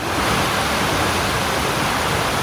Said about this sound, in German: Beim heutigen Arbeitsrundgang durch den Volkspark liegt ihr Fokus auf den Wasserstellen. Erste Station, der kleine Teich. Mit einer stattlichen 10-Meter-Fontäne in der Mitte.